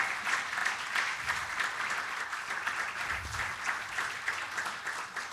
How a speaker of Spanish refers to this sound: Yo creo que eso merece un aplauso para Dios.